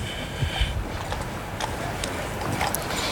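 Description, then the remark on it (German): A colonel's horse at a regiment parade, its hooves clip-clopping in a steady, unhurried rhythm, each hoof strike a sharp knock over a constant low rumble of background noise, with no voices. “Majestät gutiert diese Meldung und es geht zurück zum Oberst auf dem Pferd.”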